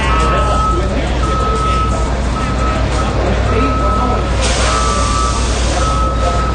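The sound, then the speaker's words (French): A semi-trailer truck covered in patriotic images, on the National Mall in Washington, D.C., sounds its reversing alarm, beeping steadily in a regular repeating pattern over a loud, constant diesel engine rumble, with faint background voices. “Un camion semi-remorque attire les regards au cœur de Washington.”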